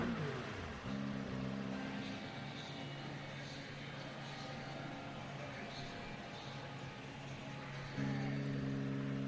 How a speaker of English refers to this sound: Still getting some of the cars coming through as the celebrations start.